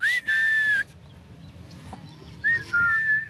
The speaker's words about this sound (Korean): 휘파람 소리에 응답하듯 알파카 주인이 모습을 드러냅니다.